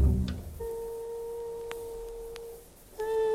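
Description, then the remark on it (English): Jazz music: a long, steady held instrumental note sustains for about two seconds, drops out briefly, then returns, with a soft, low thump at the start and no voices. “That's jazz music you're listening to.”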